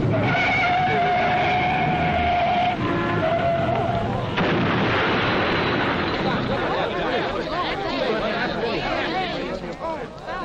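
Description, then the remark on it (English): Tires screech in a long, high wail, squeal again briefly, then a loud crash erupts into several seconds of crunching, clattering debris, forceful, as a car accident happens between vehicles coming from opposite directions at a spot with signs and little traffic. “A good place for an accident. Here comes a car now from one direction and, here comes … from the other.”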